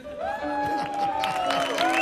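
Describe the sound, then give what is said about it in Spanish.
A TV show audience claps steadily for about two seconds to welcome a guest, with sustained cheering and whistle-like tones rising over the dense patter of hands. “Fuerte aplauso para Don Pocholo lo comía.”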